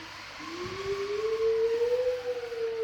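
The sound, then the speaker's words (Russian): Wolves howling: one long, sustained howl that starts abruptly, climbs slowly in pitch and holds steady and loud to the end, with no talking over it. “Волки! Буран накликают!”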